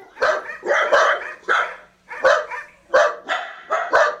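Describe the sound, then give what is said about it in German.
A small dog, a dachshund, barks repeatedly in quick, sharp bursts, fairly loud, with short gaps between the yaps and no one talking. “Ein feuriges Temperament hat mein Dackel.”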